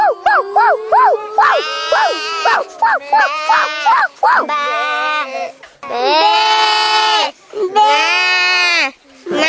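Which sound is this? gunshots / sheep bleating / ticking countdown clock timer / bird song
sheep bleating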